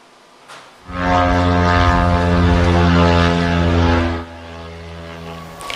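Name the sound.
attack drones flying overhead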